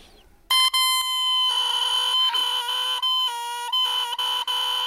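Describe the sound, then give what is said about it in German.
A bare oboe reed, carved by the oboist from cane so thin it vibrates between the lips, is blown on its own. It gives a loud, buzzy, crowing squawk, held for about four seconds with a few brief breaks and wavering pitch, with no talking. “Die Mundstücke bauen die Oboisten selber. Sie schnitzen Schilfrohr so hauchdünn, dass es zwischen den Lippen schwingen kann.”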